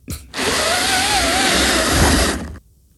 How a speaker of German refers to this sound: Das ist doch keine Bohrmaschine, auch kein Akkuschrauber. Das ist eines von meinen 5 neuen Plissé-Rollos, die ich an die Fensterscheibe gemacht habe. Und ich ziehe es nach oben. Weißt aber du, meiner klingt zu Hause ganz anders.